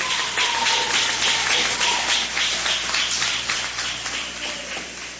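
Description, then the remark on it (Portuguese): A church audience claps their hands in praise of God in a dense, steady wash of applause, loud and sustained, gradually thinning out toward the end with no voices over it. “Pode assentar, desocupe as mãos e as palmas que glorificam a Deus.”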